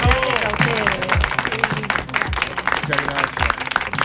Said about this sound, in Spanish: Bueno, vamos a aplaudir. Gracias de verdad.